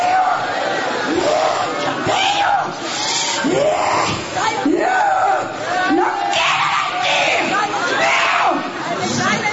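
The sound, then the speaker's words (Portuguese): An audience shouts together in loud, sustained waves, many voices overlapping into a roaring collective cry that rises and falls over about ten seconds, dense; they are shouting for Jesus to burn a demon being cast out. “Grita pra Jesus queimar ele.”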